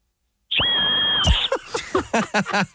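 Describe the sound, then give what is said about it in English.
A loud, piercing whistle blown hard and fast through a gum nut held between two thumbs in a V holds steady for about a second, then breaks off into a run of short bursts that sound like laughter. “take your two thumbs, make a V, align the two lines in both thumbs together to cover part of the gum nut and blow hard and fast.”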